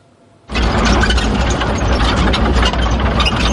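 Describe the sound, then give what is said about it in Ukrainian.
After a brief moment of quiet, the engine of a Ukrainian National Guard brigade's armored vehicle kicks in abruptly and keeps running as it sets off toward Dobropillia under cover of morning fog, a loud, steady rumble with deep low-end throb and no voices. “Так, під прикриттям ранкового туману на броньованій машині бригади «Карадах» ми вирушаємо під Добропілля.”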